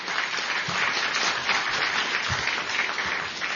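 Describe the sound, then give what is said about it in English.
Audience applause at an event at the National Press Club: a steady, dense wash of many hands clapping at a fairly loud, even level throughout, with no voices standing out over it. “Well, how about another round of applause for Mark Sheff and the National Press Club?”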